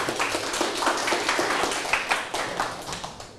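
A group claps together in a dense, continuous patter of sharp, overlapping hand claps lasting a few seconds, steady and fairly loud with no talking, applauding as a group's smiley-face score is tallied.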